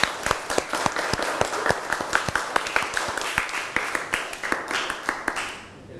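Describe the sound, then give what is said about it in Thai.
A group of people applauds for an educational video shown in a lesson, with dense overlapping claps and a few sharp individual ones standing out, holding steady before thinning and fading away near the end. No one speaks over it. “ค่ะก็ต้องขอขอบคุณสื่อวิทัศน์ที่ใช้ในการศึกษาในวันนี้นะคะก็ต้องขอขอบคุณแล้วก็ขอเสียงปรบมือให้กับสื่อวิทัศน์ในครั้งนี้ด้วยค่ะ”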